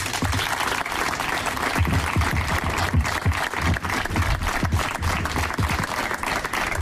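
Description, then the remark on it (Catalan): A sustained round of audience applause, called for by the mayor to congratulate a sports club athlete on his gold medal success, dense and steady clapping from many hands at an even loudness throughout, with no voices standing out. “Enhorabona i un fort aplaudiment, sisplau.”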